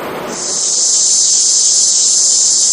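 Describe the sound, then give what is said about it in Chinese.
Loud, steady buzzing of summer cicadas starts after a brief moment and holds unbroken. It is a dense, high-pitched shrill drone filling the air, with no voices, played through an amplifier as an example of a tinnitus sound. “这夏天知了来了， 蝉鸣声， 蝉鸣声。”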